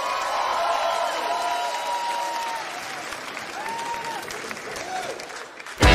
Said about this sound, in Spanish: ¡Gracias, chicos! ¡Un aplauso tremendo para los músicos, loco!